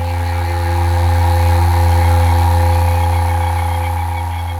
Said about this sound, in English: You can hear now a noise probably in the background, which is a toad, which is probably mating.